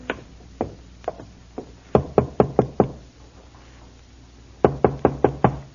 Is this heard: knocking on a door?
yes